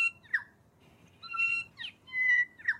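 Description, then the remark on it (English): A New Zealand bellbird (korimako) calls with a short run of clear, ringing notes, sustained bell-like tones mixed with brief creaky, squeaking sweeps like a rusty swing, over a faint low background rumble. “If it sounds like a rusty swing, it's a bellbird, korimako.”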